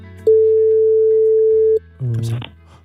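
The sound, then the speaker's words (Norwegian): A single steady telephone ringback tone sounds for about a second and a half on an outgoing call placed from a radio morning show, followed by a brief pause and then a voice answering on the line. “Systemet har valgt en sms her, og vi ringer nu. Håber, de tager den.”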